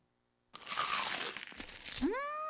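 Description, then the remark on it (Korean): A loud crunching of crispy, crumble-coated fried chicken (Kkkk Chicken) being bitten, lasting over a second after brief silence, followed by a rising synthetic tone that swells and holds. “크럼블을 입혀 크런치하고 크리스피하다.”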